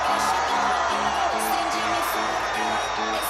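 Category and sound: crowd, fans cheering wildly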